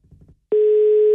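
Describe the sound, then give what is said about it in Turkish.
After a moment of faint low rustling, a telephone ringing tone starts abruptly on the line as a radio host places a call to a listener, a steady, loud electronic hum that holds unbroken until the end. “İki çaldırıp kapatırım.”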